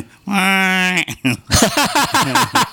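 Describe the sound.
A person's voice imitates a distressed cow calling for help, letting out one loud, drawn-out, wavering moo lasting under a second, then a short pause before rapid talking begins.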